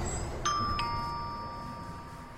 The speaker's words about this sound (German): Ach, eine Klingel. Vielleicht mit der Nase.